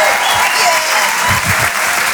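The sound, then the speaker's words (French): Loud, steady audience applause for comedian Amin Radi at the Rire et Chanson Comedy Club show, a dense wash of many hands clapping at once with no break in its rhythm. “On peut l'applaudir très très très très fort, Amin Radi sur Rire et Chanson.”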